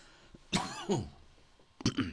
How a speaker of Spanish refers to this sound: Me ha dado la tos un poquito. Perdón.